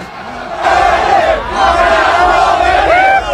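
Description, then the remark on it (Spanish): A child's high voice repeatedly shouts "¡Viva Cabo Verde!" over a loud, steady roar of a cheering crowd at the FanFest in the capital's Zócalo, the cries rising and falling in pitch throughout the few seconds. “¿Quién grita? Porque hay un niño ahí gritando ¡viva cosas.”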